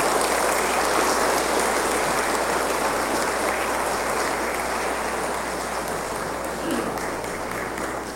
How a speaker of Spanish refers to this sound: Un aplauso y dese un abrazo y un beso.